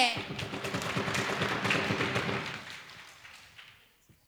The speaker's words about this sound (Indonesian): Iya, tepuk tangan untuk Regu C. Sekali lagi, mari berikan tepuk tangan yang meriah untuk Regu A, Regu B, dan Regu C.